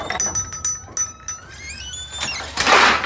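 A kitchen drawer slides open with metallic clinks and rattling utensils, a ringing scrape as it moves, ending in a louder rushing clatter, with no talking.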